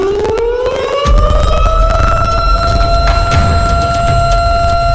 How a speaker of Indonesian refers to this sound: Yap, alarm bencana.